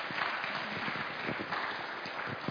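A crowd applauds to welcome a missionary couple who serve in Peru, with steady, dense clapping that fills the whole stretch, a continuous crackling wash of many hands without any voices over it.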